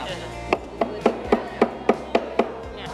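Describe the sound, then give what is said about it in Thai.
A hammer taps a nail lightly eight times at first, to set it in place and mark the spot to drive it, in a steady, even rhythm, each strike a light, sharp knock of moderate loudness over a low steady hum. “ให้ตอนแรกใช้เบาๆก่อนให้ติดก่อนให้รู้ว่าจุดที่เราจะตอกจุดไหน”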